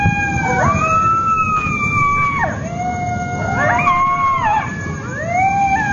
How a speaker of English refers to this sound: There's coyotes everywhere.